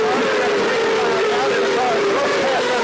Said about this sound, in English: And here we are. We've got the cars coming down.